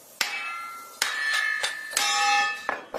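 A thick, hard firewood log with a red core being split into braai (barbecue) wood, with a series of about seven sharp, loud strikes at an irregular pace, each blow leaving a bright metallic ring. No one speaks.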